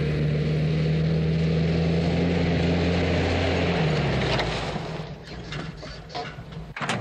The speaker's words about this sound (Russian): Скорая помощь едет по дороге и останавливается возле больницы.